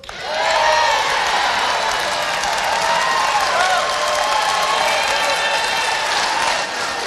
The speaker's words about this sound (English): Then, the biggest applause of the night comes with this promise. Let me tell you how simple it is. I'm going to bring back plastic bags.